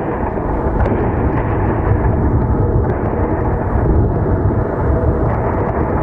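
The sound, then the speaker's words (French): A deep, continuous rumble of air-defense explosions in Kyiv, Ukraine, as drones or missiles are intercepted, rolls on for the whole stretch at steady loudness, with no sharp individual blasts standing out and no voices. “Alors là, c'est le travail de la défense antiaérienne, c'est-à-dire qu'on va entendre les explosions au moment des interceptions de drones ou de missiles.”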